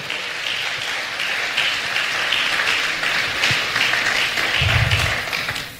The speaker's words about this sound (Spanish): Alguien, un aplauso a Jesús, por favor.